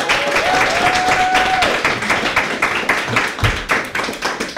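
A crowd claps steadily and loudly, a dense wash of overlapping hand claps with a brief whistle-like tone early on, sustained for a few seconds with no talking.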